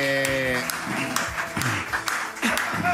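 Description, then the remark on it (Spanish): A handful of sharp, separate claps land at a loose, uneven pace, about half a second apart, mixed with lively voices and a shout at the start. “Aplaude igual que como boxea.”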